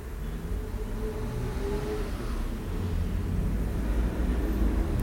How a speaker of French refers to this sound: Une voiture rouge.